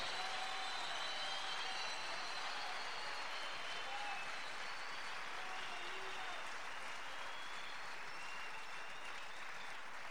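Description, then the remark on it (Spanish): An audience applauds steadily for about ten seconds, a dense, even wash of clapping hands that holds at a constant level throughout, with no voices standing out. “¿Por qué tenés miedo de aplaudir si el Espíritu te está moviendo?”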